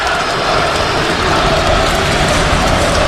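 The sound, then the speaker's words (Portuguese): A stadium crowd of Internacional (Colorado) home fans boos loudly and steadily at the end of the match, a dense, continuous roar of jeering voices that holds at the same level for the whole stretch, with no clear speech on top. “Vaias do torcedor colorado.”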